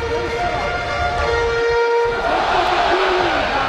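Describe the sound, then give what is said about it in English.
A baseball stadium crowd cheers in a loud, sustained roar on a Tuesday night as the O's look to continue a rally, with a few long whistle-like tones drifting over the steady wash of noise and no clear talking. “Crowd is in it here on this Tuesday night.”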